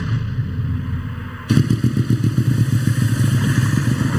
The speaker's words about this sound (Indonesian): Jenengan itu motor kok banter mentok, Mbah? Iya, Le. Motorku anyar. Dadi numpake ya kudu banter no, wong anyar.